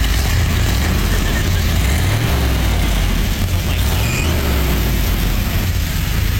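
A restored classic car's engine, newly running again, rumbles steadily, its deep low-pitched idle swelling with a couple of revs before settling back, loud and continuous throughout.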